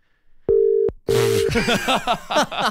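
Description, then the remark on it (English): A telephone rings with two short, steady electronic tone bursts in quick succession, clear, after which a person starts talking. “Not on that ring, but maybe this one?”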